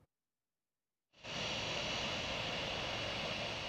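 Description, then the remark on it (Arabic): After a brief silence, the loud, steady roar of a passenger airplane's engines cuts in abruptly and holds unbroken, a broad whooshing hiss with no voices, as the first plane lands at Deir ez-Zor International Airport, Syria, on a domestic flight from Damascus. “هذا ورصد مراسل تلفزيون سوريا هبوط أول طائرة في مطار دير الزور الدولي لرحلة داخلية قادمة من دمشق، واستطلع آراء بعض المسافرين.”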